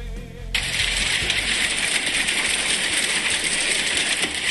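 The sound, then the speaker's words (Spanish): Hail falls in a dense, steady clatter of countless small hard taps, starting abruptly after a half-second of low rumble and holding loud and even to the end, with no voices. “Me encanta el sonido del granizo. Escucha.”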